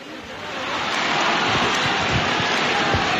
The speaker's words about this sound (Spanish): La gente en el interior del santuario no para de aplaudir.